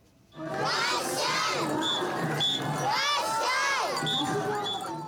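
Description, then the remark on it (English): A festival crowd cheers and shouts loudly and continuously at a parade of ornamental floats shaped like ships and animals, the main event of the Sagata Festival in Sagata City, Yamagata Prefecture, Japan, with many overlapping voices rising and falling in pitch and high calls cutting through the din. “A parade of ornamental floats has drawn crowds to Sagata City in Japan's northeastern prefecture of Yamagata.”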